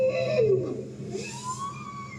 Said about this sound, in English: That's a bowhead whale.